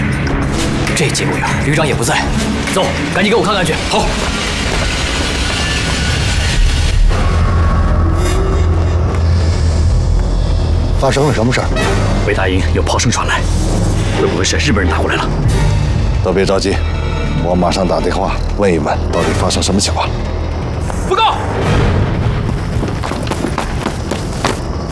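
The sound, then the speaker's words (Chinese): Heavy Japanese artillery fire and explosions boom repeatedly in a dense, loud barrage at Beidaying, shells landing on the defenders' positions, with sharp blasts layered over a continuous rumble and voices shouting through the chaos. “日军开炮了！”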